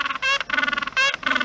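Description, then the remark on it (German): Harsh, nasal honking calls from seals and penguins at Zoo Leipzig's new Feuerland area, several loud braying bursts in quick succession with rising, buzzy tones and brief gaps between them, with no talking. “Ja, ist seit Dienstag im Zoo Leipzig zu hören. Die Robben und Pinguine sind los.”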